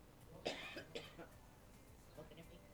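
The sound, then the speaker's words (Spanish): Two short, harsh coughs in quick succession near the start, followed by a low, quiet background with faint stirrings. “Para que, de paso voy a toser.”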